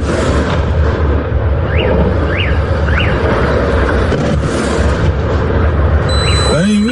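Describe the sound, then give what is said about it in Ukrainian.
A drone strikes a Wildberries warehouse in Russia and explodes, leaving a loud, sustained roar and rumble. A few short high chirps cut through midway, and a rising whine enters at the end. “Ось момент влучання одного з дронів у склад.”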